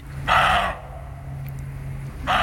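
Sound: roe deer barking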